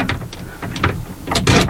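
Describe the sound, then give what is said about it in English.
A heavy, securely locked metal prison cell door is rattled and shaken in a quick series of clanking, scraping jolts, fairly loud, with no voices, in a windowless cell with soundproofed walls. “Try the door. No, I was securely locked.”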